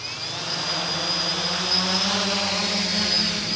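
Two drones take off inside a huge cage 15 meters high at the German Aerospace Center (DLR) test site in Braunschweig, with a steady, high-pitched whine and a dense whirring buzz, a fairly loud motor drone that holds evenly throughout with no voices.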